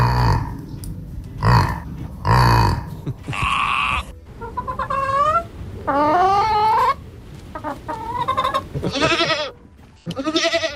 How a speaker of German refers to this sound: Ja, haben wir gehört gerade. Ein Yak, ein Schaf, ein Huhn und eine Ziege